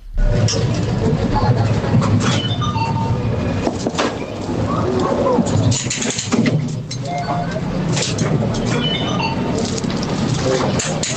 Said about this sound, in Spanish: Yo diría que es una atracción. Una atracción en una feria, es algo así, sí, es una atracción en una feria